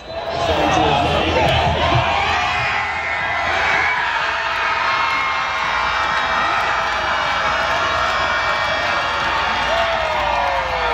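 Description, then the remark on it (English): A large crowd outside BC Place stadium roars and cheers as Canada scores again against Qatar in a soccer match, a dense, loud wall of overlapping voices and shouts that stays steady for the whole stretch, with whoops rising above the din. “Coming up at the top of the hour, a thunderous celebration moments ago at BC Place as Canada scores again against Qatar in front of a packed home crowd.”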